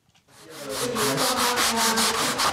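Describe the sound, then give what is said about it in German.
Steady, rhythmic hand sanding of window frames by six young people renovating a former pub in Münster: a rasping back-and-forth scrape repeating roughly every quarter second, loud and continuous after a brief quiet start, with no voices. “Sechs junge Leute schleifen Fensterrahmen, streichen die gruftig dunklen Wände der ehemaligen Kneipe, damit es heller wird.”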